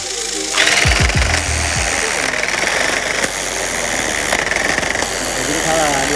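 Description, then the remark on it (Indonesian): A motorized tufting gun runs steadily, punching yarn into patterned canvas during looming; its rapid mechanical punching makes a loud, continuous buzzing rattle for several seconds after a brief low hum at the start. “Agar pengerjaannya cepat, proses looming menggunakan alat modern yang biasa disebut tufting gun atau mesin tembak menang.”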